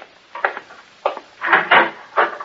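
A door is opened at night to see who is calling: a series of wooden clunks and rattles, with a longer creaking scrape in the middle, all within a couple of seconds and no voices.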